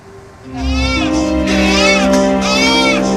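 A newborn baby girl cries loudly in the emergency tent of Puskesmas Mauponggo on Flores, East Nusa Tenggara, on the night of 16 August, a day after a magnitude 7.7 earthquake; her wails rise and fall in pitch in long sustained bursts over a steady humming background.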